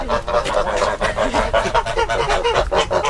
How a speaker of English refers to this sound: How funny. They're all walking in one direction. Who's the top dog then out of the geese? Who's in charge? One that's just said yay.